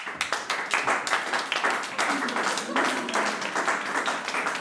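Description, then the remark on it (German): A crowd applauds a woman in the role of a queen on her arrival, with dense, steady clapping that holds at an even loudness for several seconds, and a few voices can be heard faintly within the applause. “So erhebt euch einmal von euren Afterballen, Volk. Und zollet ihr Beifall”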